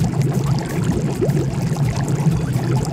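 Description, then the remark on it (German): Steady bubbling and churning water from a jacuzzi that can be heated up to 40 degrees, a continuous low gurgling rumble with small splashy pops, moderately loud, with no voices. “Unsere beste Investition des Sommers war unser Jacuzzi und wir nutzen es täglich mehrmals. Man kann es sogar bis auf 40 Grad hochheizen. Es sprudelt und blubbert und es war wirklich das Beste, was uns jetzt passieren konnte.”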